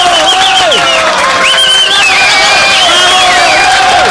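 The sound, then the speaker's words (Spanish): Loud crowd applause with cheering and whoops for a radio contest winner, a dense roar of clapping filling the whole clip while high-pitched shouts rise and fall over it. “Y fuerte los aplausos para Esteban Farfán.”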